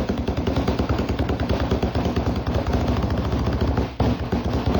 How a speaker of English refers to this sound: These were just thumpers. And have you ever heard me? No, this is a very bad table for thumping.